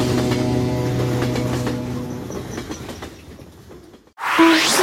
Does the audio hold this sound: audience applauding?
no